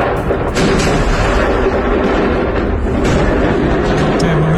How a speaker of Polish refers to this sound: Do serii wybuchów doszło przed 7 rano czasu lokalnego w okolicach tłumnie odwiedzanej przez turystów zatoki Salina Bay. Świadkowie mówią o słupie dymu i ogromnym huku słyszanym niemal na całej wyspie. Wybuchy zarejestrowano także na nagraniach wideo.